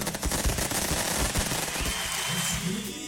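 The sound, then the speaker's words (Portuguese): Rapid, loud bursts of fireworks crackle in a dense, machine-gun-like string of bangs, easing after two seconds into fainter pops with a thin whistling tone overhead. “Olha aí, tem foguete para aí, vamos lá!”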